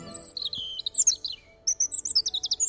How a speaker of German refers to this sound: Sehr hochtöniges Gezwitscher. Das wäre ein Rotkehlchen.